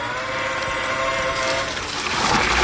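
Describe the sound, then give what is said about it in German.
A steady mechanical whine from a watering robot, a motorized cart like a large handcart carrying water, runs throughout, joined in the second half by a louder hiss of water spraying, continuous with no voices. “ist ein Gießroboter. Also sieht aus wie so ein großer Bollerwagen, nur da ist eben kein Bier drin, sondern Wasser.”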